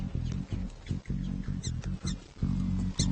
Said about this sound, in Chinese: 听到犬鼠发出的警报后，松鼠和兔子躲进附近的洞穴。他们懂得犬鼠的预警